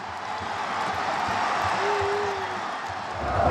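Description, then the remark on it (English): A dense, steady roar of a large stadium crowd jumping, cheering and chanting for Dalian while Dalian are losing 1-0, with low rhythmic thuds underneath and a brief thin tone rising out of the noise partway through. “Everyone is still jumping up and cheering and chanting.”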